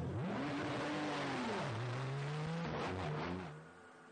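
A race car engine revs and accelerates as the car heads back out onto the circuit after a spin at Spa-Francorchamps, its pitch sweeping up, dipping, then climbing again through gear changes before fading out, with no voices present.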